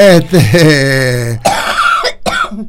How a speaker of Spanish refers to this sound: Esa que escucharon es la tos de la doctora Portos.